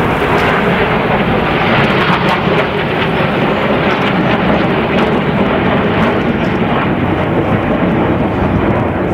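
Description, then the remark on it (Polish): A loud, continuous jet roar fills the whole stretch, a dense rumbling rush of new Polish Air Force F-35 Husarz multirole fighter jets flying overhead in formation on their inaugural flyover, steady with slight surges and no voices. “Trwa inauguracyjny przelot nowych samolotów wielozadaniowych F-35.”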